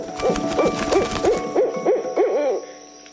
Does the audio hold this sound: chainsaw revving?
no